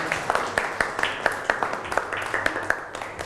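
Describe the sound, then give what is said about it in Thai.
A classroom gives a short round of applause for a classmate presenter: scattered, uneven hand claps, fairly quiet, with individual claps popping out over a low hum of background murmur. “ปรบมือให้เพื่อนพรีเซนเตอร์หน่อยขอบคุณครับ”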